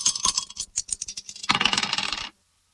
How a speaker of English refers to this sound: Let's just throw the dice and see what we're going to play from this.